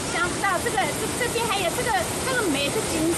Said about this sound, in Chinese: 这个夏天，浪状瀑布游人如织，除本地市民周末短途游外，大量沪杭游客也慕名而来。每逢节假日，山谷间欢声笑语不断，有人驻足观景，欣赏飞瀑流泉，有人踏水溯溪，尽享清凉野趣。